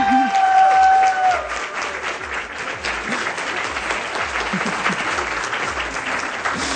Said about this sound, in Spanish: Va a haber un evento que es fabuloso porque Súbele a la Ciencia cumple 2 años. Así que por favor, un aplauso.